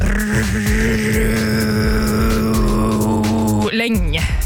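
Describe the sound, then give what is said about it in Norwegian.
Drone metal: a loud, thick wall of distorted sound holding one low, steady pitch with buzzing overtones, then lurching into a sudden shifting swell near the end. “Såkalt dronemetall.”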